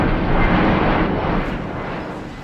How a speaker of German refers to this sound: Der Blick in den Himmel von Delhi vermittelt derzeit noch ein anderes Bild. Tag und Nacht kann man annähernd im Minutentakt Flugzeuge beobachten und hören.